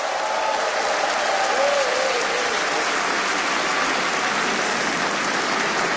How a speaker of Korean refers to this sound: 여러분, 어린이 합창단을 향해서 다시 한번 네, 뜨거운 박수 보내주시면 어떨까요?